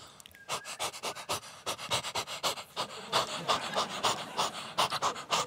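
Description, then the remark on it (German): A person imitates how their female dog pants when whistled for, quick rhythmic breathy huffs repeating steadily for several seconds, moderately loud with no other sounds. “Und meine Hündin immer so.”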